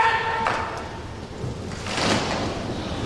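A brief metallic ring fades at the start, then two heavy thuds of halberds striking a hard floor about a second and a half apart, with faint jangling of ceremonial armour in between and no talking, at a swearing-in ceremony in the Paul VI Hall at the Vatican.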